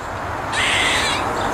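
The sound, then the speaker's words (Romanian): A squirrel's harsh, agitated call, a single raspy burst of about three quarters of a second that starts abruptly and fades, over a faint background hiss. “Veveriță, cred că foarte supărată, da.”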